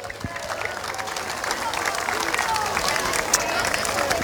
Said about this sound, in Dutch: En dan is het ook zo dat je een toernooi niet kan spelen zonder publiek. So give them a big hand, the audience. Dank jullie wel.